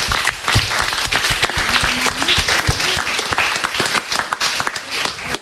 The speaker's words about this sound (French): On peut l'applaudir et puis vous pouvez tous vous applaudir.